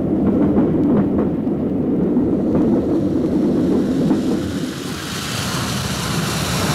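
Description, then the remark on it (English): A train rumbles steadily as it slows into a station, a low mechanical roar that thins into a brighter hiss toward the end. No voices. “As the train pulled in, William stared moodily out the window.”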